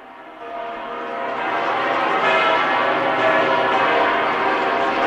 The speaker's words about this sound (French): Pendant que les cloches sonnent à voler, nous écoutons le son des cloches.